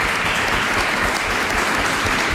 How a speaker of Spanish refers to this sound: Bueno, estáis aquí, habéis llegado a la final y os merecéis un fuerte aplauso también por este debate.